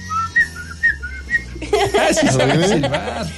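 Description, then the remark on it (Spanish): A person whistles a short, bright tune of about six quick notes, then lively laughter and voices burst in and take over. “Sí me gustó el silbidito, creo que se me va a quedar todo el día.”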